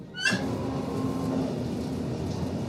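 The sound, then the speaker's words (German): A steady, droning rumble of a train rolling along the tracks, at times fairly fast, beside a winding river, heard from inside, with a faint hum running through it and a brief clank near the start. “Und der Komfort ist ja auch nicht gerade auf ICE-Niveau. Obwohl wir teilweise ziemlich schnell fahren.”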